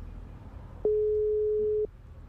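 A single steady electronic phone tone, like a busy signal while calling, sounds clearly for about a second over a faint low background hum, then cuts off. No one speaks.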